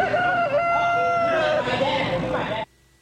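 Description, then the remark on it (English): A rooster, a contestant in a rooster crowing contest, crows once, loud, in a long drawn-out cock-a-doodle-doo over a busy background murmur, and the sound cuts off abruptly at the end. “And don't miss the rooster crowing contest. Here's one of the contestants.”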